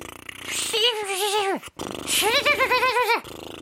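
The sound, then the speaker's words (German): Two voiced lip trills, each about a second and a half long, made by loosening the lips and blowing air through them, with loose lips fluttering and buzzing while the pitch wobbles up and down and then slides downward at the end. “Also die Lippen mal locker lassen.”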